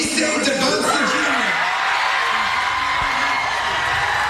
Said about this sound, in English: DeBonsa was selected by the Washington Wizards yesterday. The Davis School in Brockton hosted a watch party. Students were cheering on the 19-year-old as his name was called.